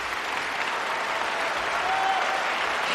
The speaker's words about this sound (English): And with that hearty applause, the audience calls … back for an encore.